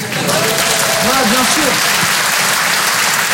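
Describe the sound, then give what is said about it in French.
A crowd applauds loudly and steadily to answer a question by applause, dense clapping filling the whole stretch, with a few voices briefly calling out over it near the start. “Par applaudissement.”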